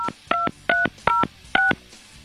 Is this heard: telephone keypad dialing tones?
yes